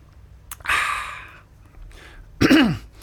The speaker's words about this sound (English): Not that taking a sip of water.